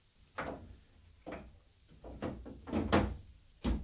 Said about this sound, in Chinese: 唉，咩人喺度乱咁拍门啊？喂，啊，你到底知唔知道呢度咩地方噶？